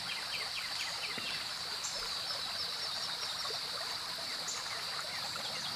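Water flows and burbles steadily in a stream, a constant rushing trickle with a high insect-like hum running over it, with no voices.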